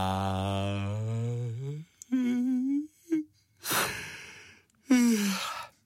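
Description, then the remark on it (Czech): A voice imitates the long, drawn-out yawn of a sloth in a children's story: a stretched, sliding moan, then breathy exhales and another groaning stretch, fairly loud, lasting several seconds without words. “Zíval dlouze a dlouho Lenochod, až z toho zívání zase usnul.”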